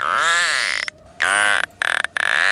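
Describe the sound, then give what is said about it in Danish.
Narwhal vocalizations: three loud, buzzy, creaking bursts with warbling, rising and falling tones, separated by short silences, with no talking. “Er det en and? Det er en narval, fordi en gruppe forskere har for første gang fået hjælp af en lille gruppe narvaler til at indsamle data.”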